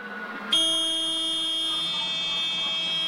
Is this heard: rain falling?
no